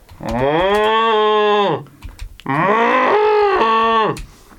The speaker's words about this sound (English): Just listen to them cows.